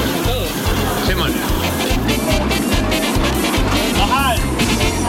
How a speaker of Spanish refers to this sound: En el corazón de las ciudades, los ruidos de los carros se mezclan con el pregón del día.